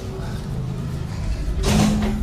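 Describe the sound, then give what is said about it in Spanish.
A sliding door rolls along its track, building to a louder scraping rush near the end over a low background hum, with faint voices in the room. “Cierra la puerta que se va a tapar el aire.”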